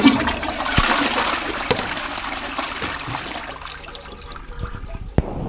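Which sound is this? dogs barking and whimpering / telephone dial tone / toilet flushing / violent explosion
toilet flushing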